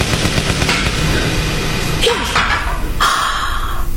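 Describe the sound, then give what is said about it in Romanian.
A wooden icon falls from the wall, striking with a few sharp, loud knocks and a clatter in quick succession over a steady background hiss. “A căzut o icoană.”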